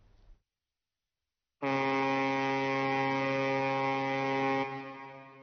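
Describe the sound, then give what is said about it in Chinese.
A loud, sustained ship horn of the barge Longtui 611, loaded with 1000 tonnes of float glass, as it departs Jiamusi International Port on the Songhua River bound for Harbin, China. It blares steadily for about three seconds with a rich, low harmonic drone, then fades; a brief faint noise comes before it, then silence. “伴随着悠长的汽笛声，龙推611号正在缓缓地驶离港口。”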